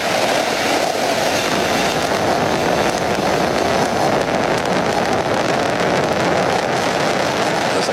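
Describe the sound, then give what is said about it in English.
A steady, powerful roar of the 27 Merlin engines of a Falcon Heavy rocket at liftoff, launching NASA's Roman Space Telescope; a dense rumbling crackle that stays loud and unbroken for the whole stretch, with no voices over it. “great shot there from on top of the rocket looking down, and then now tracking up, looking at those 27 Merlin engines lifting the Falcon Heavy and Roman Space Telescope off into space.”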